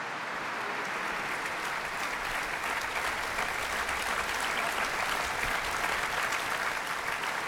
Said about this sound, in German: Sie merken vielleicht, ich habe ein bisschen Schwierigkeiten, stimmlich gegen den Applaus anzukommen. Hier in der Kirche ist alles offen. Aber es ist auch ein sehr begeistertes Publikum hier beim Abschlusskonzert der Festspiele Mecklenburg-Vorpommern